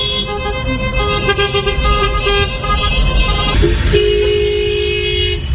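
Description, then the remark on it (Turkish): In Antalya, Turkey, several car horns honk in overlapping bursts, one long sustained blare rising above the others, over steady loud traffic rumble, as passing strangers honk for a car decorated with pink balloons and a sign asking drivers to honk to celebrate beating cancer. “Kornalar peş peşe çaldı.”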